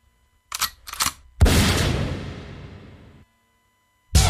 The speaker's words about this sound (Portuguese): Ô, rapaz, manda um tiro de 12 pra todo mundo que tá ouvindo. Um tiro de 12, mas bem de 12 mesmo.